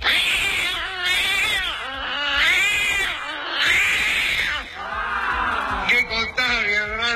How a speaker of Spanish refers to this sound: Me saluda el gato, me están con la banda.